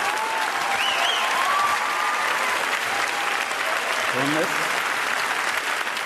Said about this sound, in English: Applause break number two.